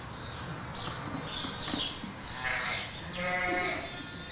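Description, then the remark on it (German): A young sheep bleats several times in quick succession, its high wavering cries fairly loud, with a low rumble of background noise underneath. “das ist ja jetzt ein Jungschaf”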